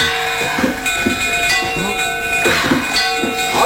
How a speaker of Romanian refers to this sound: Bate și tu clopotul!